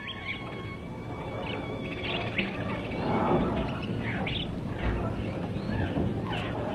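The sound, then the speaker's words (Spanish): Birds chirp and sing in short, scattered calls over a steady rushing background in a forest beside a stream, like a busy outdoor chorus with no one talking. “Debéis alabar mucho a vuestro Creador y amarle continuamente, ya que a ustedes, aves, os dio muchas plumas para vestiros, alas para volar y todo cuanto necesitáis.”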